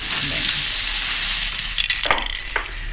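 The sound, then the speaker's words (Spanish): A lottery drum spins with a steady, hissing rattle of tumbling balls until told to stop, broken near the end by a few sharper clacks as balls knock together; ball number 36 is then drawn. No one speaks. “Bueno, pues calienta, al bombo. Calienta, que sales.”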